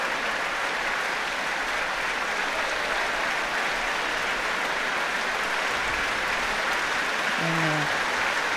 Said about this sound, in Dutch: Applaus nu ook voor klarinetisten